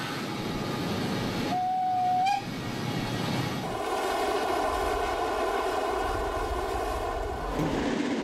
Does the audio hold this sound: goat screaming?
no